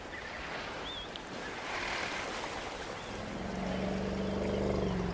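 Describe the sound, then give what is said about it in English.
Hippo bulls clash in a deep pool of an African river where hippos congregate: heavy water churns and splashes continuously, and a deep, drawn-out rumbling grows louder toward the end. “Now they all congregate in the deeper pools of the river. Inevitably, the bulls clash.”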